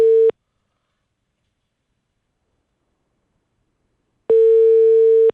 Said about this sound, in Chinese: 不接了，政府办公室的办公电话，为了避免和媒体有接触，干脆直接不接电话了。